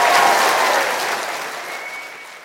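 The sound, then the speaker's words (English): Steady audience applause for Jenny Leigh Fleury of Microsoft, a dense wash of many hands clapping that slowly fades over a couple of seconds, with no one speaking. “So let's give her another round of applause.”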